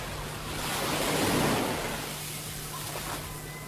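Ocean waves wash onto the tropical white-sand Jikumarasa Beach, lined with coconut trees, on Buru Island, Maluku Province, in a broad, hissing surge that swells and fades, with a steady low hum and light wind noise underneath. No one speaks.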